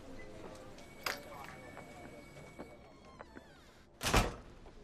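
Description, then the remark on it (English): A door swings shut with a solid thunk near the end, preceded by a few softer clicks and movement sounds. “Let me close the door so we can have some privacy.”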